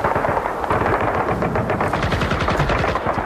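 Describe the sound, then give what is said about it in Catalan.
Rapid, continuous machine gun fire rattles loudly and densely throughout, bursts overlapping with a heavy rumble beneath, with explosions in a chaotic battle as marines land on the beach of a tiny island full of Japanese bunkers on 20 November, with no voices. “Metralladores, explosions, confusió.”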